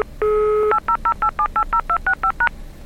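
Telephone keypad DTMF tones of a PIN being dialed into a KDDI phone service: one longer steady beep, then a quick, evenly paced run of about eleven short dual-tone key presses at slightly varying pitches, with no voices.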